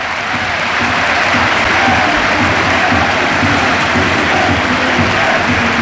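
A loud, sustained stadium crowd ovation at Anoeta for Mikel Oyarzabal, their world champion, as he heads straight to the dressing room, with dense, continuous clapping and roaring from start to finish, steady in volume with no voices standing out.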